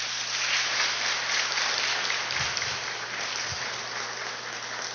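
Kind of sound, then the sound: crowd, audience applause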